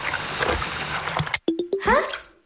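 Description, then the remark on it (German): Rushing, bubbling water gives way to a few quick tonal plops and then a rising, slurping whoosh as Kali the water droplet, having landed in the groundwater, is sucked upward by a pipe; loud. “Doch da wird Kali Wassertropfen auch schon von einem Rohr nach oben gesaugt.”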